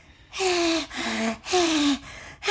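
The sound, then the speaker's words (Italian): Several deep, noisy breaths drawn in and pushed out in a steady rhythm, fairly loud, each with a slight voiced, gasping edge. No talking. “Adoro respirare aria pulita.”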